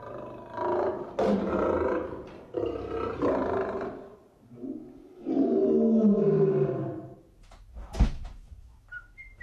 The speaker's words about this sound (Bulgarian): Звънецът на парадния вход е рев на лъв.